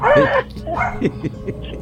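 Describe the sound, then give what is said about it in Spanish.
Several dogs in a house full of dogs bark and yip in quick, overlapping bursts, opening with a loud drawn-out bark followed by shorter scattered yaps, with faint background noise throughout. “Ah, tiene la casa llena de perros, mira, la casa llena de perros.”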